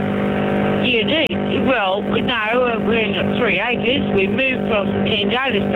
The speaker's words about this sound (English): No, you're mowing the lawn. You're mowing the lawn.